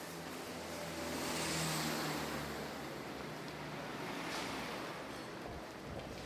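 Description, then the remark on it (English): A steady wash of street traffic noise fills the scene, with one vehicle swelling louder as it passes early on before the rumble settles back to a constant hum. “And we can hear that there's traffic on the streets.”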